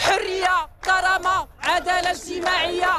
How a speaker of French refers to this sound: Liberté, dignité, justice sociale, trois mots scandés par la foule qui résument les revendications principales du mouvement de la jeunesse au Maroc.